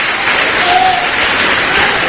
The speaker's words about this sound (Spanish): Dale un aplauso al Señor, hermano, fuerte, al Cristo de la gloria.